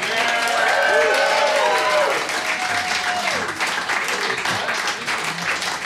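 Steady, dense audience applause fills the whole clip, with shouts and whoops from the crowd riding over the clapping in the first few seconds before it settles into continuous hand-clapping.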